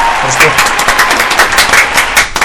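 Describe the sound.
A burst of loud, dense clapping: many sharp, rapid claps merging into steady applause, with voices faintly mixed in underneath.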